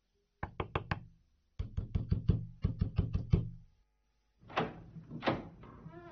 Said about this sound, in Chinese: 一家人打得正热闹，警察听到响声，急忙跑过去，使劲地敲门。